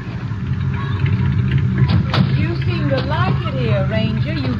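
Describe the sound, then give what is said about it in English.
A car engine rumbles low and steady for several seconds, with a brief thud and some high squealing tones, as if the vehicle is rolling in and coming to a stop. “There's a car coming.”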